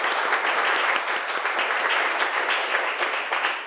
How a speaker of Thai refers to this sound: เรียบร้อยแล้วนะคะจากกลุ่มที่3ก็ขอเสียงปรบมือดังๆให้ตัวแทนจากกลุ่มที่3ด้วยค่ะ